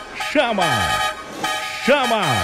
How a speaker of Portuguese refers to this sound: Chama na buzina.